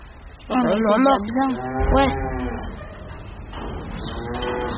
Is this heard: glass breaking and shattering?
no